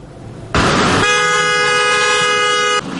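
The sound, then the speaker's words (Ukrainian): A loud car horn blares in one long, steady blast lasting nearly two seconds during a motorcade in Cherkasy, Ukraine, right after a sudden rush of noise, with no one talking. “Так, під автомобільні сигнали вже традиційно щонеділю у Черкасах відбувається акція”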